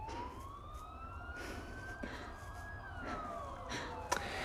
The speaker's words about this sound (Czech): To nejsou policajti, to jsou sanitky.